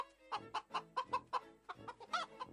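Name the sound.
chicken clucking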